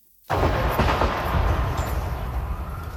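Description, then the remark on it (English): After a moment of silence, loud gunfire erupts abruptly near the White House in Washington, D.C., on a Saturday evening, a dense, continuous clatter of sharp cracks and booms that keeps going without pause, harsh. “Gunshots were heard near the White House on Saturday evening, sending journalists scrambling for cover.”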